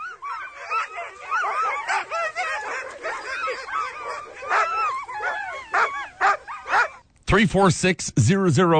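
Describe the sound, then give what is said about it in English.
A dog barks, yips and whimpers in a dense, restless stream of high-pitched cries, ending with a few louder, sharper barks after a brief pause. “There's more than just barking happening in the background. So, yes, it is a dog, but what type of dog is this?”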